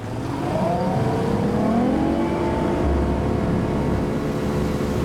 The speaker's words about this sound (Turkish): Ajanların teknesi saatte 58 deniz mili hızla ilerliyor.